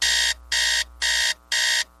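An alarm clock rings with four loud, evenly spaced electronic beeps in quick succession, each a short harsh burst with brief gaps between, with no one talking.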